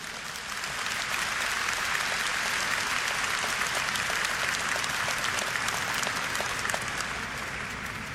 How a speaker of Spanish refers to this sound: En la iglesia somos familia de Dios. Un aplauso a Dios.